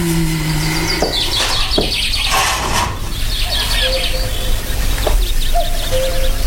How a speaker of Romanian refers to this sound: Ce frumos este afară. Păsările au început cu limbuția lor. Cucu s-aude cântând. Soarele răsare aurind munții.